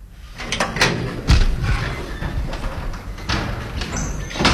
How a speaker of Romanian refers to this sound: Se aud niște zgomote în studio, nu? Bate cineva, vezi cine e!